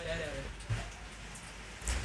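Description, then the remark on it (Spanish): Hail pelting down in a steady, dense clatter during an electrical storm in Providencia, in the capital, with a couple of heavier thuds standing out as stones strike; faint murmuring voices sit beneath the noise. “Está cayendo, pero está cayendo granizo acá, por lo menos en esta parte de la capital, en Providencia.”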